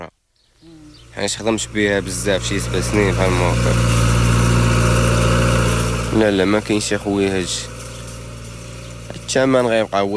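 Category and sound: vehicle, tractor engine idling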